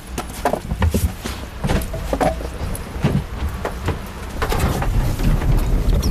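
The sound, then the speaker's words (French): A boat motor on a lake starts up at the first turn, a low rumbling engine with irregular clattering knocks, growing steadier and a little louder toward the end, with no talking. “On remarque que le moteur part en quart de tour.”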